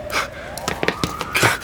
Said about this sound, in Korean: 하루에도 몇 번씩 사이렌 소리가 났지만 10년을 살아도 적응이 되지 않았다.